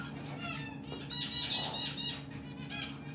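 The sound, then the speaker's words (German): Tropical birds flutter and flap their wings inside dwarf hippo Kanga's jungle enclosure (35 °C, 90% humidity), pecking at leftover hay, with bright, repeated chirps and squeaks over a steady low background hum. No one speaks. “Die tropischen Vögel picken fröhlich die Reste von Kangas Heu.”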